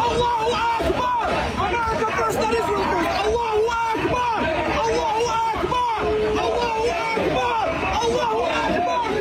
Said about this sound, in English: Unbelievable. Chanting Allahu Akbar.